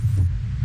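A deep, muffled heartbeat pulse throbs beneath a steady low hum, heavy and bass-rich with no voices, lasting under a second.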